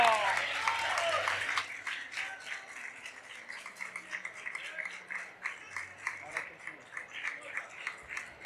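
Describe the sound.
An audience breaks into applause, a dense wash of clapping that starts loud and then thins into a steady patter of individual claps, with a few voices mixed in at the start.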